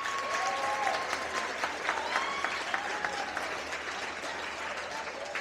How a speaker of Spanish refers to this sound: Por eso quiero que cada uno de ustedes, antes de presentar el reconocimiento, se den un fuerte aplauso.